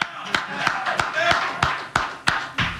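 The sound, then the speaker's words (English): A single person claps about eight times in a steady, even rhythm, each clap a sharp, bright smack, with faint voices murmuring underneath, clapping for Jose Alvarado in front of the media after a game. “But I'm going to clap for Jose.”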